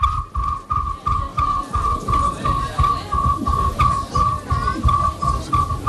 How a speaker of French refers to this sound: Moi j'aime bien, on écoute justement, vous nous en avez parlé tout à l'heure, le grillon.